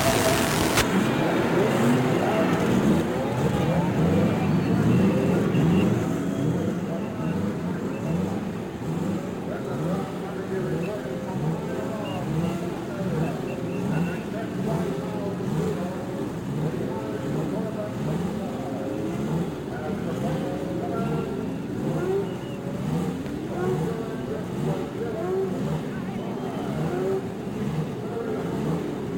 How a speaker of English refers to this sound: And from the straightaway at Indianapolis, the sound of the racing engine as each car roars its challenge to another.